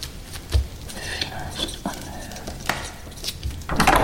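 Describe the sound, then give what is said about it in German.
A door opens with a few knocking, clattering thuds, ending in a louder rush of noise, as if someone is stepping inside; faint voices murmur underneath. “Tür zu!”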